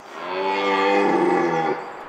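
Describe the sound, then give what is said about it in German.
A red deer stag roars during the rut in a wildlife park, one long, deep, drawn-out bellow lasting nearly two seconds, loud, with no talking over it. “Das Röhren ist im ganzen Tierpark zu hören.”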